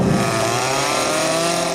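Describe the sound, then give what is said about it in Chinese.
An electric chainsaw roars steadily as a wood sculptor bites into wood with it, sketching and carving at his workspace in the countryside. Its dense buzzing engine note holds loud and constant throughout, with no voices present. “他把自己的工位安在了乡村，用电锯画速写。”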